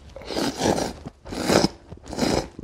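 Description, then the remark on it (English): Three loud, wet slurps of noodles come in quick succession, each a rough, noisy burst lasting about half a second, with brief pauses between them and no talking. “Although if you're looking to try foods that are a little more traditional, like the famous Japanese staple of noodles, don't be afraid to slurp loudly.”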